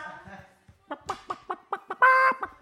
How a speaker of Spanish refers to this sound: No, y luego entre que me atacan las gallinas de mi hermano... ¿Que la gallina ponedora te ataca?